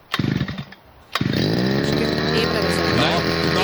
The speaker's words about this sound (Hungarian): Figyelj, beindítja videót, vett arra, hogy kell beindítani a fűkaszát, megőrülsz. Fűkasza próbavágás. Figyelj. Na, figyelj, berántja.